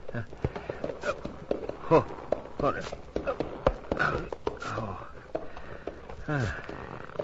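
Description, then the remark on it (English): A horse's hooves clop and shuffle in short, irregular steps as a heavy-set rider hoists themselves unaided into the saddle, with straining grunts and murmured vocal sounds over the stamping. “Must now, completely unaided, manage to hoist my unwieldy bulk into saddle of unfortunate horse.”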